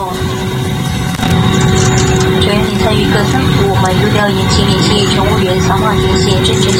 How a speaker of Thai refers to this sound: นี่คุณผู้ฟังใช่ไหมว่าอันนี้เครื่องบินกำลังแลนดิ้งลงนะมินนะเครื่องบินกำลังลงแลนดิ้งนะครับ